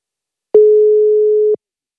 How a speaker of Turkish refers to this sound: Çok gür çalıyor yine. Gür çalan telefon yine.